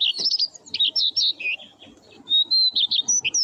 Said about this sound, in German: Schön, gell? Der Gesang des Braunkehlchens.